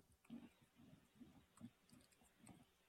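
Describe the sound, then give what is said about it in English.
Soft, irregular tapping of keys on a computer keyboard while looking up a Bible verse in Exodus, a quick run of muffled clicks with brief pauses, faint, with no one talking. “This is what it sounds like when I'm typing.”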